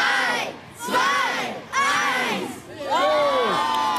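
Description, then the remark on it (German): A crowd of schoolchildren in the schoolyard of the Ratsgymnasium cheers and shouts in three loud, rising waves during a morning weather balloon launch, high voices overlapping in excited whoops with brief dips between bursts. “Heute Vormittag klang das auf dem Hof vom Ratsgymnasium so.”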